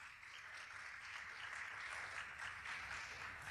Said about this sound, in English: So I want to give them a little bit of shine and a little bit of light. So if you could please give them a round of applause.